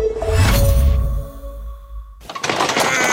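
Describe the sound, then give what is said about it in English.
A stuck door scrapes and grinds as it's shoved, then rings briefly before being rattled hard in its frame with a burst of jolting, clattering knocks, loud with no talking. “Another day with another stuck door?”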